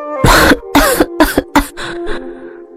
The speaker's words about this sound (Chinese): 呼吸停滞许久，他才咳嗽起来。